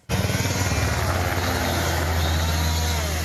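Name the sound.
firefighting aircraft flying overhead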